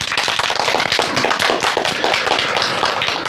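Students applaud steadily to welcome guest counselor Hu Xiaochun, keeper of the Huangshan Welcoming Pine, a dense patter of many hands clapping at once that stays loud and even throughout, with no voices heard over it.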